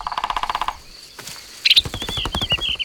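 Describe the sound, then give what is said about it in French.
A woodpecker with green feathers, a red head and a long beak hammers its beak on a tree trunk in quick, even bursts of sharp drum-like taps, a short pause, then another rattling run, with a thin high bird note over it. “Le pivert tape avec son bec sur le tronc de l'arbre pour parler avec les autres oiseaux.”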